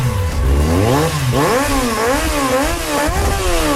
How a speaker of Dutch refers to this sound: Want ik heb nu een vraag voor alle motorbezitters die nu luisteren. Waarom maken jullie er altijd zo'n takkenherrie van?